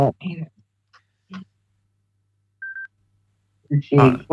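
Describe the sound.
A phone line connects with a brief, steady electronic beep in a quiet gap as another caller comes through, with a person speaking before it and another voice starting right after.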